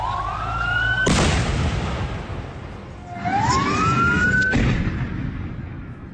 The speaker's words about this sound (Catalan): ha viatjat a Damasc, on dos bombes han explotat a prop de l'hotel on estava. Han ferit 18 persones. Ell està il·lès. Este és el moment de les explosions.